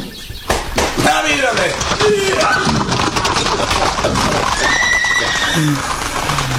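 A horse neighs loudly, with several rising and falling whinnies over a busy background of clattering and knocking sounds.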